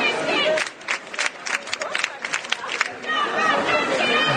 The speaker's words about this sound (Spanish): Ayer ya hubo manifestaciones en cuanto se conocieron los resultados. Este, por ejemplo, es el sonido en Frankfurt.